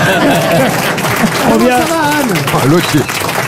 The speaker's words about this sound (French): Allez, Roumanoff, applaudissements.